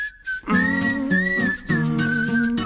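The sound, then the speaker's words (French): A man whistles a thin, airy tune, as if through the nose or while inhaling, wavering in pitch over a low humming tone, with a brief pause near the middle. “Il sifflote par le nez, on dirait, ou alors en aspirant.”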